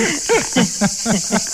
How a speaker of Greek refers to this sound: Τα τζιτζίκια από εσάς ακούγονται εκεί. Ακούγονται διπλή.